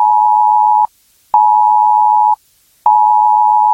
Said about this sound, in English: On Sunday, 7th of September at 3 p.m, the UK government will carry out a planned test of the emergency alerts system. You'll get an alert like this on your mobile phone.